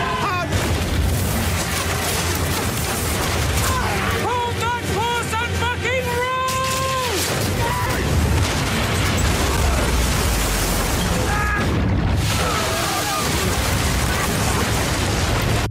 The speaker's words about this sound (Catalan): Bé, batalla monumental, que com heu pogut escoltar